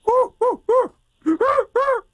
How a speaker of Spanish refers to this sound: ¡Es un cuervo, güey!